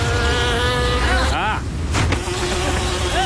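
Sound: fly buzzing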